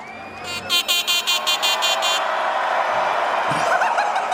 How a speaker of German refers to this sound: Ja, das ist jetzt meine neue Hupe. Das ist ja noch. Oder? Was ist geiler? Die Hupe oder?